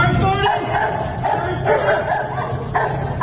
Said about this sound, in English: And this dog is almost doing a burnout trying to get there